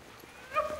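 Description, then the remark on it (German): A sled dog on a dog-sled tour through a forest in the Estonian wilderness lets out a short, high yelping call. The call is faint, rising briefly out of a quiet outdoor background before fading. “Ungewöhnliche Rufe schallen durch den Wald. Seit einigen Jahren sind Hundeschlittentouren der Renner in Estlands Wildnis.”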